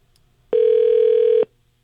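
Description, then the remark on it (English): A single ringback tone from an outgoing phone call placed by radio station KSSK to a contest winner: one steady, loud electronic buzz lasting just under a second, heard alone over faint background hiss with no talking. “I'm telling you, Oh, we got it ring. We got it ringing.”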